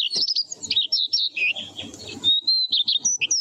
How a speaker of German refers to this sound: Schön, gell? Der Gesang des Braunkehlchens.